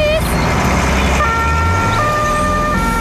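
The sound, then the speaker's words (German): A loud two-tone emergency siren kicks in after a second, alternating between two pitches over a steady rumble of road traffic. “Aber nur, wenn die Sirene ausbleibt.”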